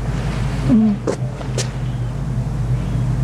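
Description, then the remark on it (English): A generator powering a sound system roars steadily on a Sunday morning, a constant low engine drone that fills the whole clip, with a couple of brief faint sounds and a short call rising above it. “The roaring back is... That's the generator on some sound system.”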